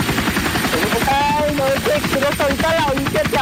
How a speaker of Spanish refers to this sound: Mira cómo se ven Nogales desde las alturas, Montijo en el helicóptero